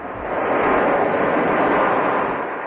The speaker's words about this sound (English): A plane carrying 17 Americans evacuated from the Canary Islands, landing in Omaha early this morning. At least one person on board is infected.